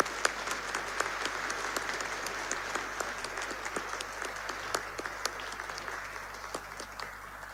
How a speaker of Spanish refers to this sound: porque es el Día de la Mujer Boliviana, queremos felicitar, ¿no? A fuerte aplauso a todas las mujeres de Bolivia.